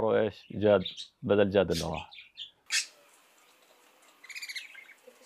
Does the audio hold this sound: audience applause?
no